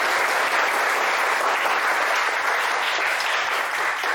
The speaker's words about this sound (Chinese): 好，下面就让我们掌声有请